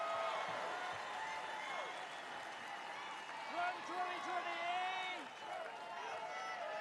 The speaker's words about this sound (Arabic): هتاف ترامب 2028 هنا في الصف الأول.